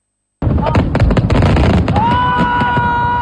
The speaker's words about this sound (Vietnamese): Mở màn lễ hội pháo hoa quốc tế Đà Nẵng 2026 là đêm thi mang chủ đề Thiên nhiên, là phần trình diễn giữa đội chủ nhà Đà Nẵng Việt Nam 1 và nhà đương kim vô địch mùa giải 2025, đội Jiangxi Yangfeng Trung Quốc.